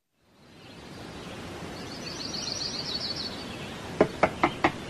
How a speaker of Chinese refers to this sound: 第二天清晨，急促的敲门声打断了廖运周的美梦。